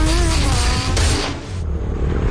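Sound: motorcycle passing by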